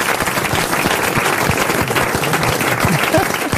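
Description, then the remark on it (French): An audience applauds Marc-Antoine Lebré steadily, a dense wash of many hands clapping at a constant, fairly loud level for a few seconds, with faint voices mixed into the crowd. “Allez, vous pouvez applaudir Marc-Antoine Lebré, bien sûr.”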